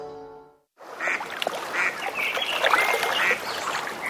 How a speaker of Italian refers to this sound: La senti? È l'armonia del lago.